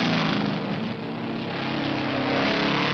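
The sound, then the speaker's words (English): A car on four Goodyear Safety Spike tires races through the Alps in the dead of winter at speeds up to 100 miles an hour, its engine a loud, steady whining roar with a broad rushing noise that holds for the whole stretch, continuous, with no voices. “Here's a car on four Goodyear Safety Spike tires, racing through the Alps in the dead of winter at speeds up to 100 miles an hour.”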